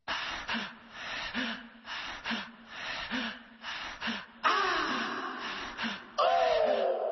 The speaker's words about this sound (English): The breaths in the song, the panting is, you know, waking up out of your sleep in a cold sweat. And just being scared, you don't know what happened, you know, just what's going on in my life. So I wanted to put those breaths behind the dope fiend